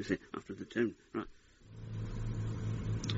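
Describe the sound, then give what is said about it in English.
A small car engine starts up and revs, a steady low rumble that swells and holds loud for the last couple of seconds, following a brief burst of talking. “I like the way you keep this car. It's for French peasants, not English ones.”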